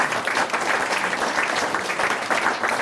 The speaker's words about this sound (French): Je vous propose qu'on applaudisse déjà notre invité qui a bien répondu une fois de plus.